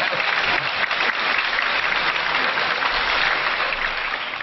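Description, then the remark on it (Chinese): Steady, dense audience applause at the Xingye Xiangsheng Hall closing a crosstalk performance by Kang Songguang and Jin Peiliang, a continuous bright patter of many hands clapping at an even loudness, easing off slightly at the very end. No voices are heard. “兴业相声会馆，快走， 鼓掌。”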